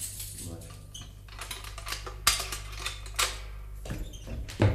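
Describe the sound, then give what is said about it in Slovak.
Metal keys jingle and clink in irregular bursts, with a few sharper rattles standing out over a steady low hum. “Daj sem kľúče.”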